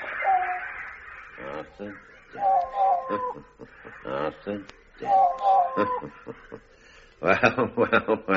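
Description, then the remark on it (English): A large bird, the Wise Old Bird, caws and squawks as it arrives, in repeated, fairly loud phrases with brief pauses between them, ending in a quick burst of rapid harsh calls. “We call him the Wise Old Bird. Ah, and this is him, is it? This is him.”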